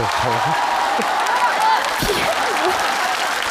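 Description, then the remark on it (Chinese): A crowd claps steadily and continuously, a dense, even wash of applause holding at the same loudness throughout, with faint voices murmuring underneath. “你爸给你鼓鼓掌行不行？”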